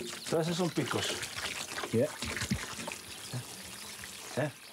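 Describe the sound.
Washing water is poured off harvested cactus fruits on a farm in a steady, splashing stream, carrying away their small spines, while a person talks over it, the liquid hiss continuing under the voice for several seconds.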